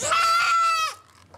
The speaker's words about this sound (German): Was da so schreit, ist das Zicklein der soeben behandelten Mutter. Sie soll so schnell es geht zu ihr zurück.